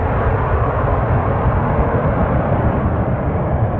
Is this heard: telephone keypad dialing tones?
no